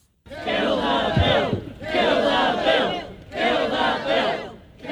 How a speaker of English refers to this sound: Today, relatives of the Pike River victims joined the Council of Trade Unions as they rallied against the changes outside Parliament.